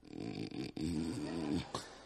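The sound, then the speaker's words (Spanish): A voice mimics a man's heavy snoring, with two long, rough, rumbling snores separated by a short breath, loud with a gravelly, engine-like growl. “No es que el hombre esté roncando. Él sueña que es camión.”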